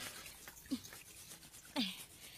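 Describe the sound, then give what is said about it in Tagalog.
A washing machine runs with a steady churning hiss and water sloshing through it, broken by two short splashy surges. The sound is fairly faint and there is no talking. “Daw kagutok sa ila sa washing machine.”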